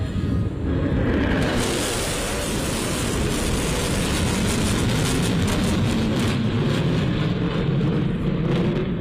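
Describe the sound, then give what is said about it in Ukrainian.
A loud, sustained roar of US B-1 Lancer strategic bombers passing overhead fills the whole recording, a dense rumbling wash with a hissing edge that never fades. No voices are heard. “Реакцію на літаки вдалось зафільмувати журналістам.”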